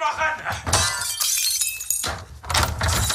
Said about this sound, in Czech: Zvuk střelby a německé povily zní ve chvíli, kdy do bytu rodiny Zelenkových v Praze vniká gestapo